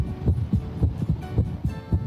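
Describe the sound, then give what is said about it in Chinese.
A heartbeat heard through a stethoscope: steady, muffled low thumps in quick lub-dub pairs, close and fairly loud, over a faint background hum with no talking. “正常的心跳声音是有规律的，我们的心跳频率是每分钟50到100次，如果听到的速度低于50或者高于100，那么就要怀疑存在着心动过缓或者心动过速。”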